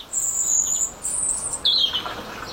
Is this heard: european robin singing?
yes